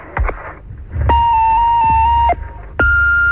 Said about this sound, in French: On n'est pas là, on est parti se promener, mais veuillez laisser votre message après le bip.